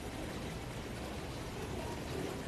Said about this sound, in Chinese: 现场给他来接上一杯。